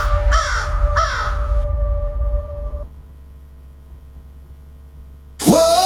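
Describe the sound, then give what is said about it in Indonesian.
Harsh, raspy crow calls ring out twice in quick succession, then fade into a low hum, before a third loud caw bursts in at the end. No one speaks. “Banyak laporan menunjukkan, burung ini kembali pada manusia yang memberinya makan.”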